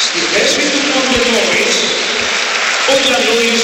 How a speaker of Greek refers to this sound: Και ο Λαρετζάκης στη θέση του Μόρις. Με τον Μπαρτζόκα να καλεί τον κόσμο να χειροκροτήσει τον Λαρετζάκη.